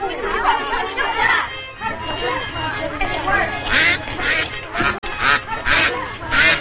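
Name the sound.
duck quacking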